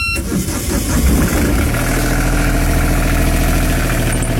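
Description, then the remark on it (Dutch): The old diesel engine of a wooden Wieringer aak fishing boat cranks and catches, then settles into a loud, steady low chugging idle, with no voices. “Want de oude dieselmotor is vervangen door een elektrische motor.”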